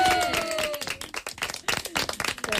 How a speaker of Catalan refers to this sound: forte aplaudiment.